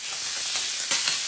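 Sausages sizzle on a hot barbecue plate, a steady crackling hiss with a brief louder flare near the end and no voices.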